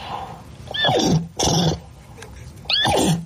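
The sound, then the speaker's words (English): A woman's voice imitates a horse neighing in three breathy, whinnying bursts, each with a falling pitch sweep, fairly loud with short pauses between. “Would you like to hear her speaking Nay?”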